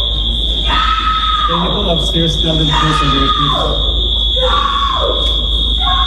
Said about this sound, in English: Actress Selma Blair arrested and charged with assault after chaos erupted on a flight from Los Angeles to New York over the weekend. TMZ obtained audio of Blair screaming as she was removed from the plane upon landing at JFK International Airport.